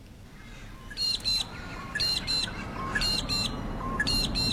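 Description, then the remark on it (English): A magpie lark calls loudly and repeatedly, giving sharp paired notes about once a second, four times in a row, over a steady low rumble of background noise. “No, that's a magpie lark.”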